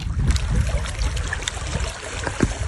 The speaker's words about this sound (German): Es ist ein skurriles Bild. Wasser umspült Grabsteine am Lipno-Stausee im Süden Tschechiens. Wir stehen hier an der Mauer des einstigen Friedhofs, der 1899 in Dolní Vltavice gegründet wurde